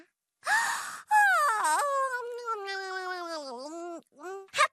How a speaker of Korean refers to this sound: 미안. 잠깐 졸았다. 로봇, 너도 크게 하품해봐.